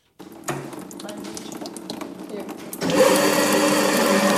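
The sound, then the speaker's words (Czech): A glass-cutting wheel machine, at which the reigning world champion in glass cutting is about to work, runs with a steady mechanical whir and a wet, hissing spray, then grows noticeably louder and harsher partway through as the grinding intensifies. “U kuličského stroje se chystá pracovat úřadující mistryně světa v broušení skla”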